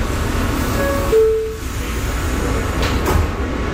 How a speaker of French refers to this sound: Le métro nous emmène maintenant plus au nord, en plein cœur de Harlem.